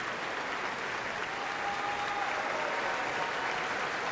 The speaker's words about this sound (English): Everyone in Marian Anderson Hall is on their feet and cheering for this performance.